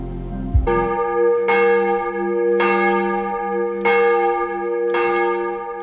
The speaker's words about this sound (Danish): Klokkerne ringer til morgenandagt fra Vor Frue Kirke i København.